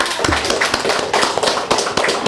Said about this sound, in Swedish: En stor applåd.